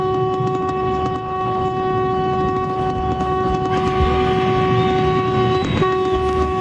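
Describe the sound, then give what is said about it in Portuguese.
A loud vehicle horn, honked by a listener in Brazil at 4:32 in the morning, blares in one long, steady, sustained blast over low engine rumble, dipping only briefly near the end before sounding again; no one speaks. “Que buzina feia essa, não?”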